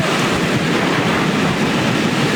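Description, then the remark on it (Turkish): Loud, continuous roar of storm-driven waves crashing onto shore in Hawaii, catching a reporter and cameraman filming a storm report; a dense wash of surf noise with wind buffeting the microphone and no voices. “Ama hem o hem de kameramanı dalgaların azizliğine uğradı.”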